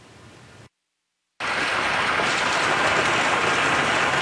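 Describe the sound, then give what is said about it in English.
Hail pounds down hard during a hailstorm in southern Alberta on Tuesday night, a dense, loud, continuous clatter on surfaces that starts after a brief silence and holds steady, with no voices. “The aftermath of a hailstorm that blew through southern Alberta Tuesday night is clear in communities like Coaldale”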